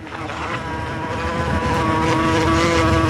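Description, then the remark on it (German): Wasps flying in on a hot, humid day of over 30 degrees in Potsdam buzz in a steady, droning hum with a bright, slightly wavering pitch, growing a little louder over a few seconds. No one speaks. “Und in genau diesem Moment kommen sie angeflogen.”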